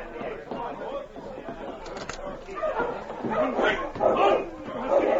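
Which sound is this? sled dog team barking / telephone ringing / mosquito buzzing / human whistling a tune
sled dog team barking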